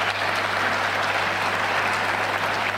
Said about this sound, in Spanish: Pero primero quiero agradecer y quiero pedirle que se pongan de pie los premios nacionales que nos acompañan hoy día. ¿Quiénes son premios nacionales que hoy día nos acompañan? Para que les demos un aplauso.